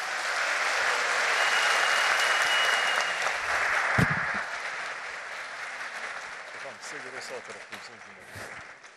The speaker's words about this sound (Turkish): Evet kura törenimiz başlamadan önce şöyle coşkumuzu, heyecanımızı Sayın Cumhurbaşkanımıza gösterebilmek için salonumuzdan olabildiğince kuvvetli bir alkış rica edebilir miyiz?